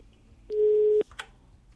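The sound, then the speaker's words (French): A telephone line busy tone: a single steady, fairly loud beep lasting about half a second, cut off by a click, followed by faint line noise and no talking. “On va essayer de résoudre le problème du téléphone et on revient vers vous juste après.”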